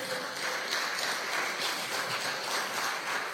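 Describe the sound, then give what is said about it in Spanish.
A crowd at a worship service claps in praise to God in a steady, dense wash of applause that holds at an even level for a few seconds, with no voices rising above it. “Dele gloria a Dios, dele aplauso a nuestro Padre.”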